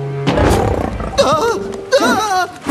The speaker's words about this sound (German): Ein großes Tier. Und es spricht zu den Freunden. Habt keine Angst vor mir. Ich bin der Löwe.